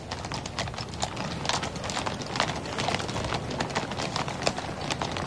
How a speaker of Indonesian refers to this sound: Kali ini jumlahnya lebih banyak dari yang sebelumnya, namun tetap ya, kami mohon Bapak Ibu hadirin sekalian untuk tidak melakukan gerakan secara tiba-tiba saat pasukan kuda kawal belakang melintas di hadapan kita.